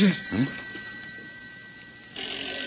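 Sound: desk telephone ringing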